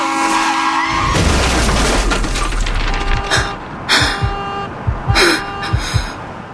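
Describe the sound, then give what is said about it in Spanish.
A car horn blares steadily, then cuts into a loud car-accident crash with a heavy low boom, followed by scattered clattering debris and glass bits settling in several sharp bursts. “Después de un accidente, no solo duele el cuerpo, duele la incertidumbre.”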